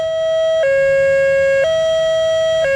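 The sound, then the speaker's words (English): A loud high-low emergency siren from patrol cars, used by Jefferson, Clear Creek and Douglas counties to warn about evacuations and critical incidents, alternates between two pitches, switching about once per second in a steady, buzzy two-note pattern with no one talking. “The high-low system is much like what you hear in Europe, emitting a distinctive high-low tone from patrol cars, unlike the sound of other sirens.”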